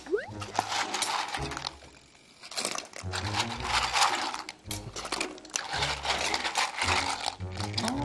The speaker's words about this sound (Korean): 바지락 이 소리 너무 좋지 않아요? 이렇게 소리 나는. 네. 바삭바삭 소리 나는.